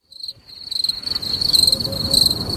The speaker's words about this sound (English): Wow. I'll tell you, the crickets are lovely.